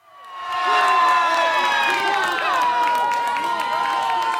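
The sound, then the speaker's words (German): A big crowd in Urca, a district below Sugarloaf Mountain in Rio de Janeiro, Brazil, erupts in loud cheering and screaming as Brazil goes 1-0 up against Haiti in a World Cup match, a dense roar of many voices with high-pitched shrieks that swells quickly and stays loud and sustained throughout. “Das 1:0 gegen Haiti wird in Urca, einem Viertel unter dem Zuckerhut von Rio de Janeiro, gefeiert, als sei es schon der Einzug in die K.O.-Runde,”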